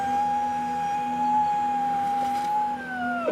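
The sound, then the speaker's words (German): A single long, steady howling cry from a seal pup, held on one even pitch for about three seconds before bending downward at the end. Loud and alone, with no talking. “Die Heuler werden Robben. Ja. Die Robbenbabys.”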